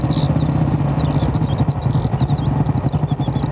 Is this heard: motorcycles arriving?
yes